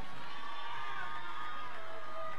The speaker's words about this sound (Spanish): Yo quiero que me le brinden un fuerte aplauso al presidente de la fiesta para que me cante esta canción.